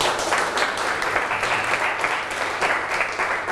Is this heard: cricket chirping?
no